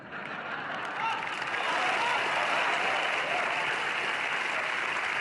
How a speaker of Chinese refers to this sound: 万一说出我的名字，台底下掌声雷动，大伙儿鼓掌十分钟，我都没法说相声了。